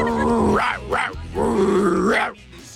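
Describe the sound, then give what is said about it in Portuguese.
A person imitates a dog, rumbling growls swelling into rising bark-like yelps in about three loud bursts, with a short quiet trail at the end. “Vai, mais um, vai, solta o gogó.”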